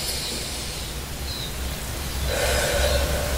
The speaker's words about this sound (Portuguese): Então faz isso comigo agora, respira bem fundo.